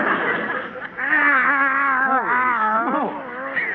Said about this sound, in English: Another cat following me. Oh, isn't that sweet? Those darling little kitties like you. Kitties? These are Skid Row tomcats.